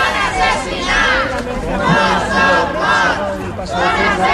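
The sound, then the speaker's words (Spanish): Relatives of DANA flood victims chant the slogan 'no son mort, son assassinats' in unison at the doors of the Parliament as former president Carlos Mazón testifies, loud and steady, the phrases rising and falling in regular pulses over a constant background of voices. “Al grito de no son mort, son assassinats, no son muertos, son asesinados, familiares de las víctimas se han concentrado a las puertas del Parlamento justo cuando comparecía el expresidente, que ha guardado silencio sobre la gestión que hizo aquel día”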